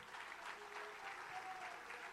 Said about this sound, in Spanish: Ese aplauso